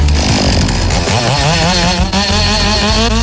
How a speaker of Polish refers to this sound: Tniemy tą pilarką dwie następne konkurencje.